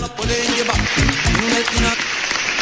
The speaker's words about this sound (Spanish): Fuerte el aplauso para mayo, que ya se fue.